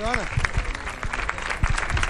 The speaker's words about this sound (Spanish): Aquí está, mejor Amazona Infantil. La gente ya aplaudiendo este primer premio que se entrega.